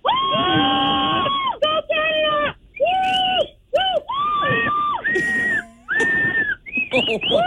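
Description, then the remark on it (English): Loud, piercing high-pitched screaming cheers for Team Canada from callers on Kiss 92.5 Toronto radio, held in several long bursts with brief gaps between them, seemingly from a couple of voices together. “All right, let's cheer on Team Canada.”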